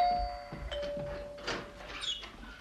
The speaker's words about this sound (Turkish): Kapı gıcırtısı. Kapı. Evet ama bu gerçek bir zil.